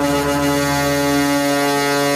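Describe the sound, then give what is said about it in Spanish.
A loud, sustained horn of a Colombian chiva bus blares steadily for about two seconds, a rich, brassy tone with strong harmonics, unbroken, with no voices. “Estos autobuses recibieron el nombre de Chivas porque a los antioqueños el sonido del claxon del bus les recordaba al balido de un chivo, de una cabra.”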